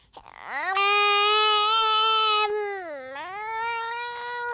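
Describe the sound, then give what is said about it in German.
A baby wails loudly in one long sustained cry that rises, holds, dips and climbs again, with no other voices. “Das Baby schreit.”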